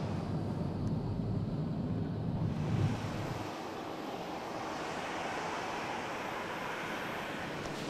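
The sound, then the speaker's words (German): Loud, steady roar of aircraft engines on an airport apron, where noise between the planes can exceed 100 decibels: a broad continuous rush with a heavier low rumble in the first few seconds that then eases into a high whooshing drone. “Der Gehörschutz ist mit das Wichtigste bei der Arbeit auf dem Vorfeld. Zwischen den Flugzeugen kann es mehr als 100 Dezibel laut werden.”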